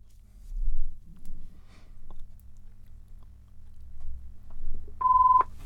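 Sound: telephone ringing tone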